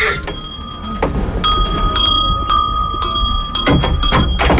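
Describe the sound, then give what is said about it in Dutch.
A shop door bell jingles repeatedly as the door of a 150-year-old hat shop in Groningen swings open, bright metallic rings layered over a busy, clattering room with some thumps and background noise. “Van een bel, joh. Ja, dat moet ook. Dan horen mensen ze zelf binnenkomen.”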